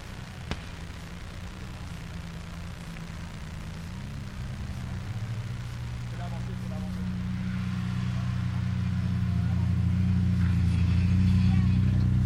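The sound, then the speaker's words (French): A race car's engine roars, growing steadily louder as it approaches and its low rumble and pitch build toward the end, with voices audible in the background. “à moins que la voiture ait changé, que ça soit celui-ci”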